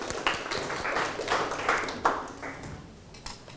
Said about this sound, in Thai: แสดงว่าวันนี้นักเรียนทั้งต้นทางแล้วก็ปลายทางเนี่ยสามารถจำแนกส่วนประกอบของประโยคได้อย่างถูกต้องแล้วก็เข้าใจปรบมือให้ตัวเองอีกครั้งครับ